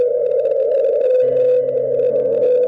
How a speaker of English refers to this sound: Some physical abnormality in its sound production, maybe akin to a human with a lisp. It's a sound that's believed to be a single whale that vocalizes at a unique frequency, 52 hertz.